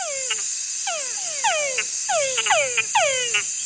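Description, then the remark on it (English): Túngara frog males give repeated advertisement calls, each a descending whine often followed by short chuck notes, overlapping in quick succession over a steady, high-pitched insect chorus in the background. “So, for example, we work on this species, for instance, that is called Tungara frog. And males produce a call that sounds like their name, Tungara.”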